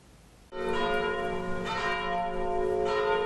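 Church bells ring at the unveiling of two historic gravestones: they burst into sound after a brief quiet moment and keep ringing loudly and steadily, their rich overlapping tones filling the space without any voices.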